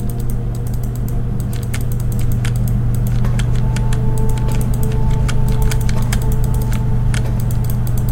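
A rapid, irregular run of sharp, crisp mouse clicks while clicking through all the cells, repeating over several seconds above a steady low electrical hum, with no one talking.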